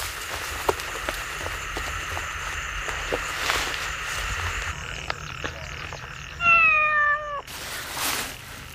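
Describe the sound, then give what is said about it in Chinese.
A single drawn-out cat meow rises clearly near the end, fairly loud, over a steady night-time backdrop of faint insect or frog chirping and soft ticking. No one speaks. “什么声啊？ 是猫叫吧？”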